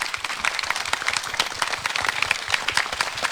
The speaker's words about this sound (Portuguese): Vamos dar uma salva de palmas antes da bênção.